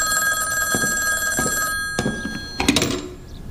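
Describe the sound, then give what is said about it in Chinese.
An old telephone bell rings steadily for nearly two seconds, then stops, followed by a few soft handling thumps and clicks, as a call is placed to Director Yan, head of the Taiyuan pacification headquarters. “喂，请接通太原绥署长官严主任的电话。”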